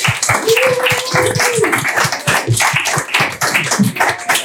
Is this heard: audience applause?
yes